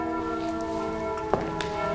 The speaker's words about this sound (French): Avec les cloches, et ce sont les cloches de quelle église, ça ? Hein ?